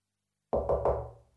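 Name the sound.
knocking on a door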